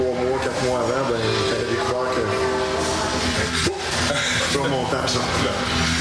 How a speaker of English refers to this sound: A train wound its way through downtown Lac Megantic. I felt the hair stand on the back of my neck